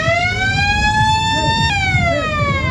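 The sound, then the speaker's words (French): A loud, sustained siren-like alarm signals the end of a fishing contest, sounding continuously as a steady buzzy tone that drops slightly in pitch partway through, over a low rumbling background with no one talking. “L'alarme sonne, la fin du concours.”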